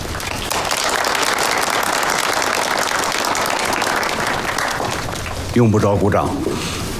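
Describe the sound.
An army meeting crowd applauds steadily in a dense, sustained wash of clapping for several seconds as the commander is invited to give a report, then a man's voice cuts in near the end as the clapping carries on beneath him.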